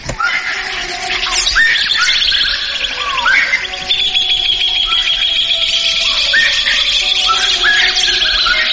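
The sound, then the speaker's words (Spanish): A dense chorus of birds chirping and tweeting continuously at the start of a song, many overlapping calls over a steady background, with no voices present. “este temita de los …, con pajaritos al inicio”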